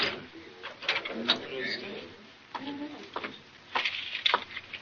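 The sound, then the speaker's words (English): A key scrapes and turns in a door lock, giving a run of sharp metallic clicks and rattles at an uneven pace, with short pauses between bursts. “Lock it and bring me the key.”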